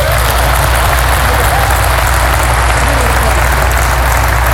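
An audience claps steadily for several seconds at a speaker's prompt during a talk about being a father, a loud, dense wash of many hands with no pauses and no voices rising above it.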